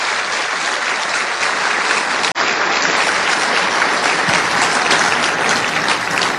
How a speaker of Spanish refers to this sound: Fuerte el aplauso para el Señor. Fuerte, fuerte.